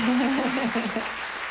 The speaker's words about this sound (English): Let's clap for them because that was really good stuff, right?